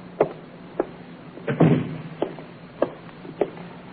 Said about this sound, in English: Shut the door, will you, Inspector?